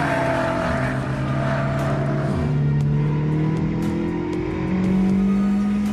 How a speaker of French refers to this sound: Ah, on sent que le moteur est quand même bien plus pointu que celui de la Mégane RS ou la Mégane RS Trophy. Déjà parce qu'on a 350 chevaux, hein, c'est 50 chevaux de plus que la Mégane Trophy.